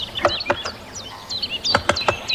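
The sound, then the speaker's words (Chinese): A great spotted woodpecker in woodland knocks on a tree fork to crack open nuts, in sharp, irregular taps, three early and another cluster later, while high thin bird chirps flit over a soft background hiss. No one speaks. “听见哒哒的敲击声，我才发现大斑啄木鸟就在附近。”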